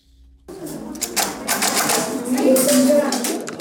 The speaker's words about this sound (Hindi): उन्हें पिछले साल जीती गई एक ब्राइल प्रतियोगिता के पुरस्कार के रूप में एक एक पर्किंस ब्रेल मशीन दी गई है।